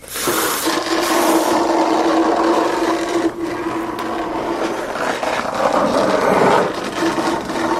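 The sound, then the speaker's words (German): A heavy body is dragged along the ground, making a loud, continuous scraping rumble with a faint steady hum underneath. It lasts the whole time, with no voices. “Und deswegen schleift sie ihn mit sich in ihre Höhle, damit die anderen ihn nicht abkriegen und ihn fragen können, ob er sie heiraten will.”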